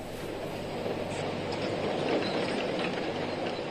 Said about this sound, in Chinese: 目前，现场实行人歇机不停、轮班不间断作业机制，大型机械持续运转。